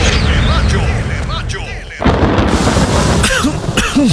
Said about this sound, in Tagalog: Tagulan na. Uso na naman ang ubo.